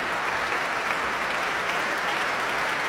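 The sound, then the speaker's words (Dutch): Enthusiastic applause from a large concert audience in Amsterdam as pianist Juliana Avdeva and Tiani Lu come back down the stairs together to receive it. A dense, steady wash of clapping stays loud and even throughout, with no voices rising above it. “Om dit bijzonder enthousiaste applaus in ontvangst te nemen.”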